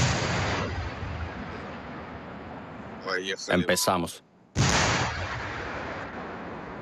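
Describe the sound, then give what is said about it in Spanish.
Heavy rumbling blasts of gunfire from a tank in trench combat, with Ukrainian trenches 200 metres away, fill the scene with dense, roaring noise, briefly cut by a man speaking before another loud burst erupts and keeps roaring. “Ahí viene un tanque. Se vienen los disparos.”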